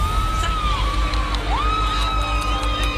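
A crowd on the Platja de Palma beach in Mallorca shouts and whoops together as the sun is eclipsed, a steady wash of raised voices with rising and falling cries, fairly loud over a constant low rumble, with no clear speech.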